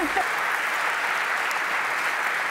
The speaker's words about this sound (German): Ja, Glückwunsch. Euer Applaus.